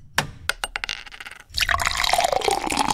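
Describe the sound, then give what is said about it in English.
A few quick clinks and taps, then a cold drink is poured steadily into a glass at a workplace, the fizzy splashing rising in pitch as it fills. No one speaks. “That is me pouring a cold one here at work.”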